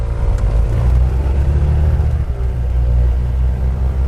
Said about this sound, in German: Als wir endlich alle im Flieger sitzen, lässt Mirko den Motor aufrollen.